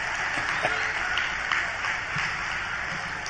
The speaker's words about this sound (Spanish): Aplaudan, yo espero, ¿eh?